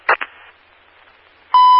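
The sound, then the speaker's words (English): Radio static crackles with two brief bursts and a low hiss, then a loud, steady radio dispatch alert tone abruptly sounds toward the end, tones offered over the radio during a traffic stop on Log Yard, ahead of emergency traffic. “John 103, did you want tones?”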